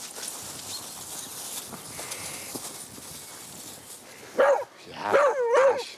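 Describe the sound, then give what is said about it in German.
After a few seconds of outdoor background noise with faint scuffling, a dog being played with lets out a sharp bark, then two more quick, excited barks, with no talking. “Jetzt spielen mit dem Hund.”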